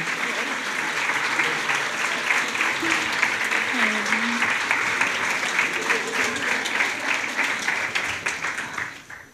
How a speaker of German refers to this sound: Und vielen Dank für den tollen Applaus. Richtig gute Energy hier, oder?